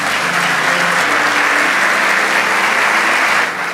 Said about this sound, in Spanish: Vamos, dale ese aplauso.